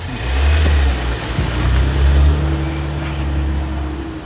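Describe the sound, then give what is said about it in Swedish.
A car engine rumbles loudly, revving a little as the vehicle pulls off and drives on through Umeå, holding a steady low drone that eases only slightly toward the end. No one speaks. “Och där rullar Carola Gran vidare genom Umeå”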